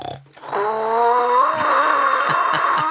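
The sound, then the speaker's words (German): A long, low rumbling drone blown or rubbed through a plastic bottle, imitating a dinosaur's snore; it holds steady and loud for over two seconds with a raspy, buzzing tone and slight wavering. “Meinst du, wir haben irgendwas in der Lachlaborkiste, mit dem man Dino-Schnarchen nachmachen kann?”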